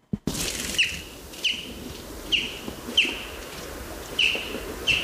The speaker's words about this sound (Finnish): Siinä kuultiin peipon ääntä ja tuo lentoääni, tuommoinen jip. Jyp, jyp. Sitä voi kuulla silloin, kun lähtee ehkä töihin tai askareisiin aamulla, aamutaivaalta. Menee isoin parvein. Se on Suomen toiseksi runsaslukuisin lintu